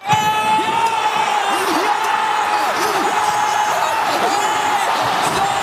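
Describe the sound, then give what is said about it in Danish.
A large outdoor crowd of football fans at a big-screen event in Oslo, Norway, roars and cheers continuously after a Norwegian goal against England, loud and dense, with shouting voices, whistles and bursts of excitement throughout. “Det begyndte ellers så godt med et norsk drømmemål, som fik Oslo til at gå amok til et storskærmsarrangement.”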